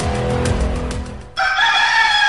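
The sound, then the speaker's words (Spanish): A rooster crows loudly, a single drawn-out cock-a-doodle-doo with a bright, strained tone, following a second of rough, noisy farmyard sound. “Con el canto de las aves, el sonido de las aguas, el despertar de las personas.”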